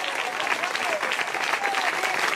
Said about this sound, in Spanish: Dele fuerte ese aplauso al Cristo de la gloria.